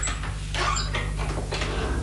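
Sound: door being pushed open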